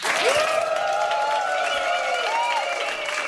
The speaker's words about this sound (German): Nochmal ein herzlicher Beifall für Mia!